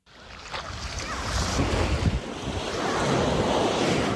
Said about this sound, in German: Wellen rollen an den Strand von Busnica. Viele Kinder spielen im flachen Wasser.